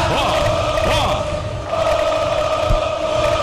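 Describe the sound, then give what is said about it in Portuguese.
A large stadium crowd of Boca Juniors supporters at a football match against Vasco roars and chants continuously as Boca win a corner, a dense wall of voices with rising and falling cheers, loud and sustained throughout. “Aplausos da torcida do Boca Juniors, porque vem um forte na defesa do Vasco, escanteio do Boca, torcida do Boca Juniors, ó.”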